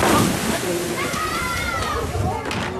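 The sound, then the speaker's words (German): Water sloshing and lapping steadily at the beach of a lakeside bathing area at the Totenbrocksee in Beckum, a continuous splashy wash, with faint voices of people in the background. “das war's hier vom Totenbrocksee in Beckum. Ich kann es wirklich empfehlen. Es ist ein wunderschönes Strandbad.”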